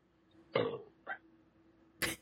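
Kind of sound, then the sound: human body sound, burp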